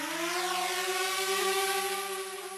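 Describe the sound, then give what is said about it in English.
A drone buzzes steadily overhead, its motors producing a continuous whirring whine with layered harmonic tones. The pitch and loudness stay fairly even throughout, with no voices. “Sound of a drone buzzing overhead.”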